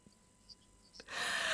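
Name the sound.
sneeze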